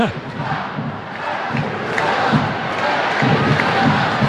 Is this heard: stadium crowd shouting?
yes